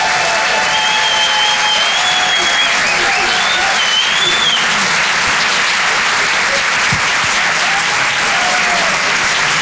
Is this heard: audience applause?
yes